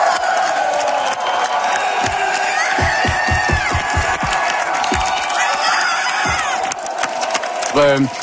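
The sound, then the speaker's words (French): A Parti Québécois political rally crowd cheers loudly and continuously, with high shouts and whistles over a dense roar and a burst of rhythmic clapping or stomping partway through. “Et ça a beaucoup motivé les troupes du Parti québécois, comme on peut l'entendre dans cet extrait.”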